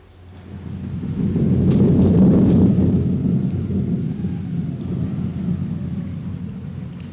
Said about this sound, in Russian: Давно собиравшаяся гроза разразилась. Дети укрылись под деревом, но дождь пробирался сквозь листву, и негде было спрятаться от него.